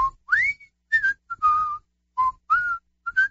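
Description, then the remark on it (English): A person whistles a bright melody, with a series of sustained, gliding notes in a phrased rhythm broken by short pauses. No one talks over it. “I hear you're still whistling.”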